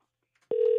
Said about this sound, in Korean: 신호가 가고 있습니다. 자, 신호가 가고 있어요.